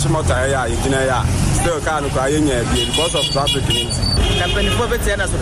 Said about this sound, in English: Since then, we have been caught in heavy traffic, and the vehicle I was traveling in also broke down.